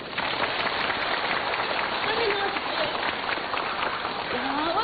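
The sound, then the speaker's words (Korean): An audience and cheering squad applaud steadily for about five seconds to welcome an elderly woman who has come forward to sing. A dense, even wash of many hands clapping at constant loudness, with faint voices and shouts mixed underneath. “지금 저기 할머니 한 분이 나오셔가지고 이 우리 응원대 앞에 나와서 노래를 한번 부르겠다는데 우리 다 같이 열렬한 박수로 환영하십시오.”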